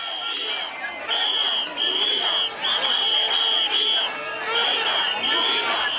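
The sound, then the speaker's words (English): A large crowd of locals protesting in Ceuta, Spain, carrying Spanish flags, shouts in loud, rhythmic bursts of chanted slogans such as "a unified Ceuta will never be defeated" and "invaders go home", with shrill whistling running through the din and a steady roar of voices in between. “Carrying Spanish flags, they shouted a unified Ceuta will never be defeated and invaders go home, referring to the migrants still in the territory.”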